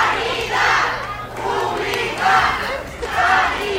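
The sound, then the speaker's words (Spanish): Workers of the Hospital Ramón y Cajal in Madrid chant "Sanidad Pública" in protest as president Isabel Díaz Ayuso arrives to visit the new cardiology service, loud voices rising and falling in repeated rhythmic bursts, roughly one phrase every second or so, sustained throughout. “Esta mañana visitaba el nuevo servicio de cardiología Madrid 365 y así lo escuchan al grito de Sanidad Pública la han recibido.”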